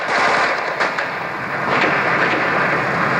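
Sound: automatic weapon fire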